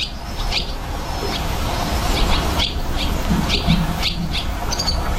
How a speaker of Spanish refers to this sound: por si alguien quiere ver golondrinas en Madrid, en el Jardín Botánico, Real Jardín Botánico de Madrid, en la alberca, que está un poco escondida pero accesible, hay golondrinas viviendo. Y además cantan, trisan. Trisan, así trisan las golondrinas.